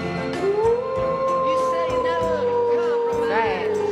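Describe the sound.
A person imitates a wolf howl on the Hollywood 360 show: one long, loud vocal tone that rises, holds, and slowly wavers downward, with steady background sound underneath.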